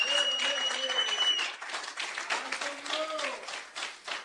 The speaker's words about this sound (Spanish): Dele fuertes aplausos a Cristo en esta bendita noche.